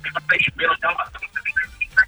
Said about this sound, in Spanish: Amor, bájale por favor al radio.